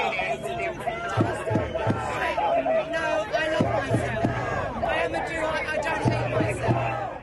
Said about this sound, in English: They were surrounded by a large crowd of counter-protesters.